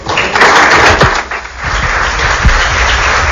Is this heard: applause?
yes